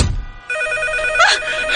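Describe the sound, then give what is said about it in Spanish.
A telephone rings at home with a bright, steady electronic tone that starts abruptly and sustains, fairly loud, with a brief pitch sweep partway through and no voices. “Ay, no manches, maldito teléfono.”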